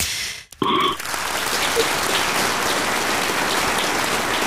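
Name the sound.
applause sound effect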